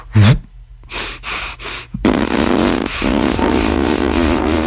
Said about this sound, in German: Ich puste meine Backen auf, so ganz dick. Und dabei kann ich weiteratmen. Und dann drücke ich die Luft mit so einem Pupston aus den Wangen raus, während ich weiteratme.